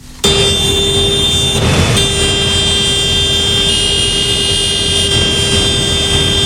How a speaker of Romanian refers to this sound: La Fălești, claxoanele tractoarelor au răsunat minute în șir.